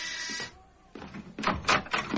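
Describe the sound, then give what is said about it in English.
A door being opened as someone answers it: a steady rasping scrape, a brief lull, then several louder rattling, scraping bursts as it swings. No one speaks. “I'll answer the door”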